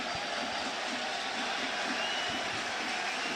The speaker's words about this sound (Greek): Και πάει για να εκτελέσει αυτό το κόρνερ ο Ταμπόρδα και ακούτε τα χειροκροτήματα από τους φίλους του Παναθηναϊκού.